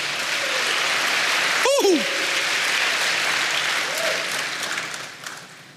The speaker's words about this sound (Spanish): Dele aplausos al Señor.